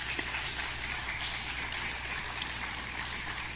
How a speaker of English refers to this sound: Let's give a round of applause to our candidates.